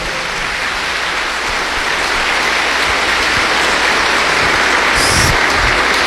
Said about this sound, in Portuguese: Uma salva de palmas para os idosos e idosas, vovô e vovó.